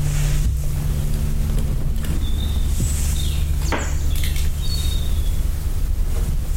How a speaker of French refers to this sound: c'est le vent qui marche sur un pied.